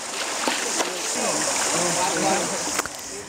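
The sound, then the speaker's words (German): Elephants in Mateng Park splash and slosh about while bathing in a nearby river after their show, a steady rush of churning water broken by a few sharp splashes. “Die Dickhäuter freuen sich nach der Show auf ihr erfrischendes Bad im nahegelegenen Fluss.”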